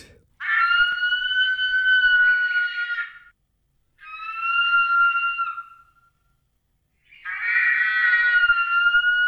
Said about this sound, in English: 350,000 years ago, New Zealand looked and sounded different from how it looks and sounds today. For a start, you would have heard the cry of the biggest eagle there ever was, reimagined by Te Papa and RNZ.